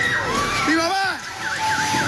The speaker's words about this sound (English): A TikTok account run by the Junco Grill outside Caracas posted this clip during the quakes. You can hear screams and buildings falling. The man who posted the video shouts in search of his mother.